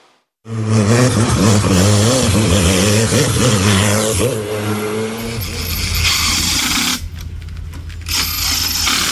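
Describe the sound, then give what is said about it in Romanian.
Loud race car engines rev during a hill-climb speed competition on the Transalpina mountain road at the Rânca resort in Gorj, Romania, their pitch climbing and dropping in rapid bursts before giving way to a steady, roaring rush of engine noise, with no voices. “În stațiunea Rânca din Gorj, motoarele turate și mirosul de cauciuc încins au acoperit liniștea muntelui.”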